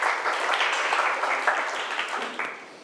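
A burst of applause from students in a class, clapping for a classmate who correctly answered that the tool is a try square; many hands clap in a dense, steady patter for about three seconds before easing off slightly at the end.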